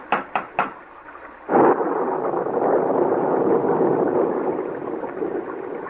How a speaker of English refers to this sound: We can't go any farther in this downpour.